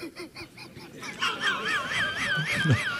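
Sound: purple swamphen (calamón) call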